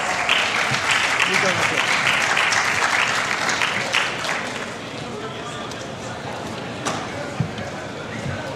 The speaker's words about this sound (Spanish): Bajo aplausos y en una ovación impresionante, el técnico español se fue.